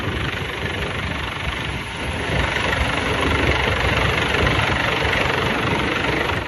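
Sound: helicopter engine running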